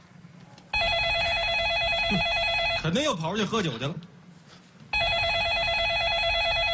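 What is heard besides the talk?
telephone ringing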